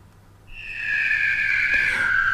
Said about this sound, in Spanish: Ahora se nos han escapado los pájaros.